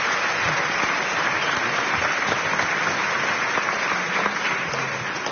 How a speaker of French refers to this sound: On peut l'applaudir. Bravo.